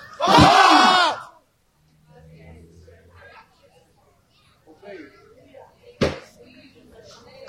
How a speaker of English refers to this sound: On the count of three, we're going to yell pop and believe Jesus for deaf ears to open. One, two, three.